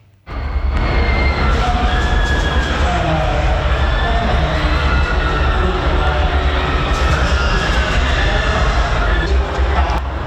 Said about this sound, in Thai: ได้ยินไหมคะเสียงวีเสียงกรี๊ดดังอยู่ไกลๆเนี่ยก็คือเขาไปเดินเล่นกันในบ้านผีสิงในงานนี้ก็น่าจะพอทำให้คนนอกบ้านก็จินตนาการได้นะคะว่าในบ้านเนี่ยน่ากลัวแล้วก็จะน่าตกใจขนาดไหน